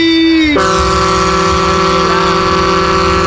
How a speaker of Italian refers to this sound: Abbiamo proposto un clacson della nave, ci dovrebbero essere alcune reazioni.